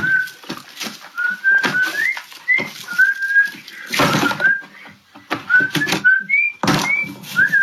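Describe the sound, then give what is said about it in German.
A person whistles a short, bouncy tune in clear, steady notes while throwing Yeezy sneakers into the trash, over intermittent thumps and rustling clatter in the background. “ein Video hochlädt, in dem er nach diesem Song Kanyes Yeezys in den Müll schmeißt und dabei pfeift”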